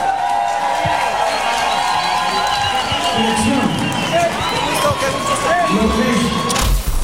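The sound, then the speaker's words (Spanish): A crowd applauds steadily, with cheers and whoops rising over the dense clapping for several seconds, loud and sustained throughout. “Un aplauso para Vacilos.”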